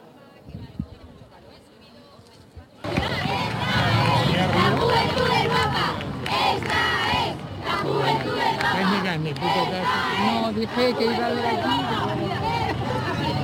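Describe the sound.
A large crowd of young people at the Royal Palace in Madrid shouts and cheers loudly and continuously at the Pope's arrival, a dense wall of overlapping voices that erupts suddenly after a few seconds of quieter background murmur.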